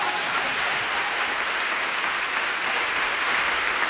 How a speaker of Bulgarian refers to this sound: Сега продължете с аплодисментите.